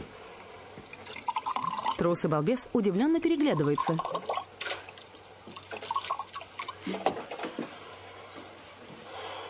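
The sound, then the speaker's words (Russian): Liquid pours from a bottle tilted over a table with a gurgling, dripping trickle, partly under a man's voice speaking over it. “Открывает бутылку, наклоняет над столом.”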